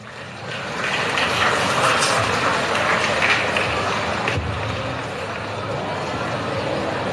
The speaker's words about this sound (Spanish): Vamos a recibirle con fuertes aplausos.